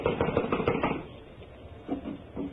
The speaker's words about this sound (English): Blast it. It's locked from the inside. Well, someone is definitely in there. I am going to knock. Now listen closely.